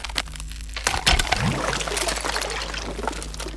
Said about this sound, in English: The ice above the sword cracks and a hole appears.